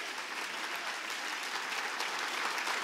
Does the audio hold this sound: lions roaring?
no